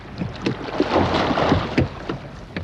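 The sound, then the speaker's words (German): A rower pulls oars through water in a steady rowing rhythm, moving the boat forward, with splashes and swishes over a wash of wind and lapping water. “Mit der Kraft aus seinen Armen zieht er das Ruder im Wasser genau in die Richtung, in die er nicht fahren will.”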